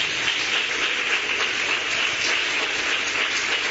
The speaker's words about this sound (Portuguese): Isso, que benção. Palmas para Jesus.